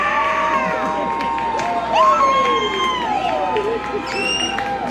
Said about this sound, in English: They just put a video icon on the video board that told the fans to scream, so that's what you heard. Nothing happened. Don't worry.